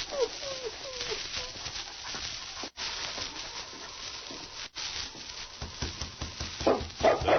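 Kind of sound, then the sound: animal, dog barking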